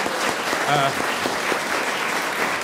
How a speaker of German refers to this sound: Danke für den Applaus. Sie wollten ihn doch spenden.